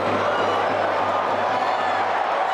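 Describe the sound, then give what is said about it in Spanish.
A steady, loud roar of the Bernabéu stadium crowd giving Dani a last farewell ovation, a dense wash of cheering and clapping that holds constant throughout without easing off. “Y cómo no, la última ovación.”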